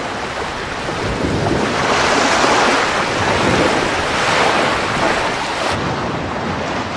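Salty ocean waves surge and wash in a steady, broad roar, swelling louder in slow rolling pulses with a breezy hiss, loud, with no voices.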